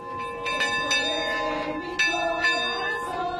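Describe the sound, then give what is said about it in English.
A metal bell on a handcrafted, flower-covered Eucharistic float carrying a monstrance rings out in a series of irregular strikes as the faithful process through a city, each clang leaving a bright, lingering tone that overlaps the next, over a low background murmur. “The monstrance was carried on a handcrafted Eucharistic float, covered in flowers and fashioned with a bell that rang as the faithful processed throughout the city.”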